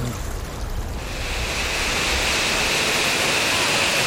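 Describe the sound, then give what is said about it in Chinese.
A powerful waterfall with a large water flow inside an underground cave in China roars steadily, its broad rushing noise swelling after the first second and then holding loud and constant, echoing in the enclosed rocky space. “哇哇，这边又有瀑布。 哇，这个水流挺大的。”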